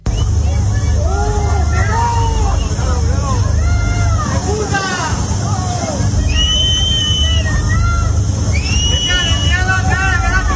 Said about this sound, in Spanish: pero díganle ustedes a estos vecinos que le están gritando a Pedro Sánchez y que se han visto afectados y que no saben si se han quedado sin absolutamente nada